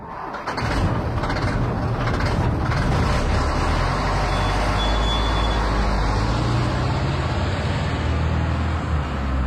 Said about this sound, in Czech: No to je nějaké velké auto, že ano? No tak pozor, 3, 2, 1, nákladák.